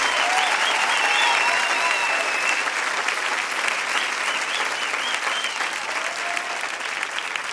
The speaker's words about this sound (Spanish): Fuerte aplauso